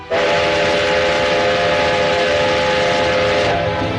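A train carrying boxes of oracle bones toward Nanjing rumbles while its whistle blares in a long, steady, loud tone, continuous for about four seconds before easing slightly at the end.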